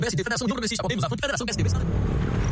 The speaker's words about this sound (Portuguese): Amor, ouviu essa moto? Deve ser um entregador. Mas a gente não pediu nada. E daí? E daí que pode não ser um entregador.